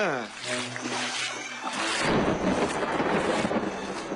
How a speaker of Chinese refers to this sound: 啊，好大的雷声，我会真要下雨了吧？ 这鬼天气怎么说变就变？